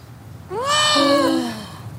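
A whole litter of kittens under a blanket in a bus meowing, two overlapping rising-and-falling cries lasting about a second, fairly loud and clear over a quiet background with no talking.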